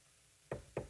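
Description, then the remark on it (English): Two firm knocks on a wooden door, evenly spaced, sounding alone against a quiet background with no talking. “There's a knock on my door.”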